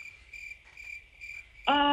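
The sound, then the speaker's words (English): Crickets chirp steadily in a high, pulsing trill against a quiet background, then a sudden loud, buzzy tone cuts in over them near the end. “Where's those crickets at? I knew they were going to come into account.”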